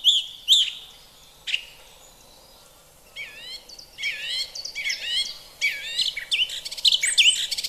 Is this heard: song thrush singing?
yes